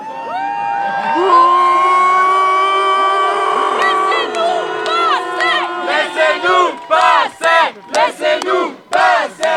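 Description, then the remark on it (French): A crowd shouts loudly in criticism of police who stopped a rainbow flag being hung on the town hall, first in a long sustained collective yell, then breaking into rapid, rhythmic chanted bursts of protest. “drapeau arc-en-ciel sur le fronton de la mairie, ce que la police a stoppé en s'attirant au passage les critiques de la foule.”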